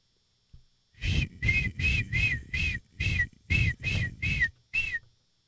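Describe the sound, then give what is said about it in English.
A person imitates a seagull with about nine short, shrill, high-pitched cries in quick rhythmic succession, each loud and slightly wavering, with no talking around them. “And I can do a good seagull impression.”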